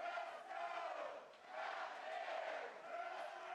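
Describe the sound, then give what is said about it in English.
A large crowd of West Virginia fans chants in unison inside Kendrick Family Ballpark during a baseball game, a loud, sustained roar of many voices rising and falling in rhythmic waves, with no individual speech standing out. “Big crowd chance now from the West Virginia faithful inside Kendrick Family Ballpark.”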